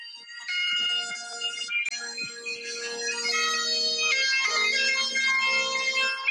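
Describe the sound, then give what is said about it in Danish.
A bagpipe, recorded as a voice memo on a phone in London on a rainy day, plays a loud, reedy melody over a steady, unbroken drone. The notes shift every second or so, with no pauses and no voices. “Den her memo, den hedder sækkepipe på min telefon.”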